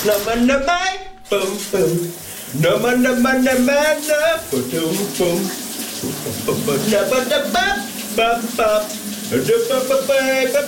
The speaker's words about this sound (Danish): hvad det var for en sang, min kollega … han havde gang i under bruseren her til morgen